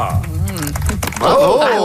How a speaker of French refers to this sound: Bravo! J'adore les applaudissements. Il y avait des applaudissements de golf. Ouais. Oui, c'est son décorum.